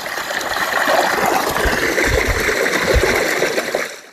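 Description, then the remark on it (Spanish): Water pours steadily from the spout of the Fuentestrún fountain as drinking water is collected, a continuous splashing rush with some low gurgling, loud for a few seconds before fading at the end. “Bueno, ya hemos llenado agua para beber.”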